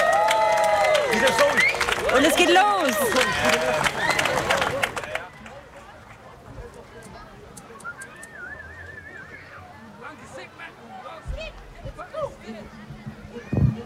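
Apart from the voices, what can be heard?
audience applause and cheering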